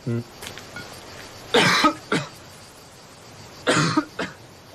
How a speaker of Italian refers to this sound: Ho la tosse. La tosse del fumatore. Quando mi viene devo subito fumare una sigaretta.